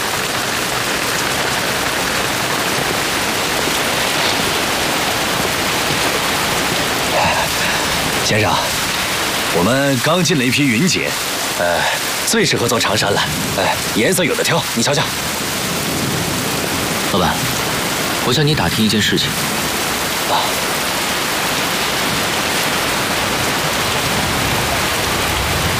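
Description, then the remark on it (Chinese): Steady, heavy rain pours down throughout, a dense continuous hiss, with brief stretches of people talking over it midway. “哎，等会儿，先生，这下雨打烊了，需要帮忙吗？”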